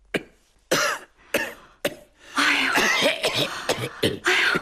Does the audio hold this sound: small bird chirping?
no